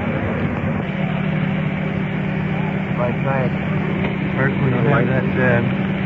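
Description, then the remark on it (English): A rescue truck engine idles steadily with a deep, constant rumble, while muffled voices talk over it through the middle and end. “Inlet, that rescue truck turned down a little bit.”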